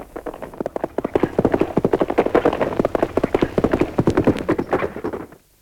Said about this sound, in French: La stupeur se répand dans la ville et M. Dupuytren, averti par une compagne de son enfant, fait seller les chevaux les plus rapides pour partir à la poursuite de la diligence.